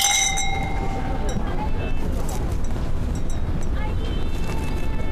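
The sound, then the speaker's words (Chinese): Glasses clink together in a toast at home, welcoming guests, with a bright, ringing chime that fades over the first second, followed by a couple of softer clinks against a low, rumbling background with faint voices. “来，我们欢迎兄弟，欢迎弟妹到我们家做客。 干杯。”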